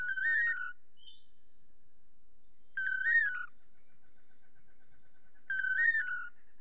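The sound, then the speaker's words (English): Two long-tailed manakins duetting their toledo song to woo females, a rich, slurred whistled phrase repeated three times at steady intervals of a few seconds, clear with quiet pauses between. “Researchers have estimated that the dynamic duo may perform their Toledo song up to 5,000 times in one day.”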